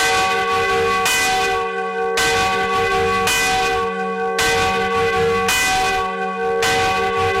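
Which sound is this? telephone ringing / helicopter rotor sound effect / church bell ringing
church bell ringing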